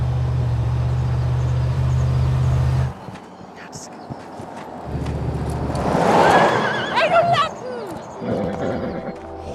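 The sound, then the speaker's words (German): A horse lets out a loud, quavering whinny that rises and falls in pitch, following a low engine-like rumble that cuts off, with faint rustling underneath. “Macht das Pferd einen munteren Eindruck?”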